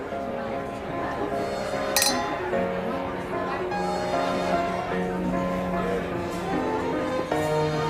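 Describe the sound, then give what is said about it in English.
A single bright clink of glasses touching in a toast rings out near the start, set against a busy, steady background of murmuring voices and tonal sound at an evening gathering in Hong Kong. “Cheers. You finally made it.”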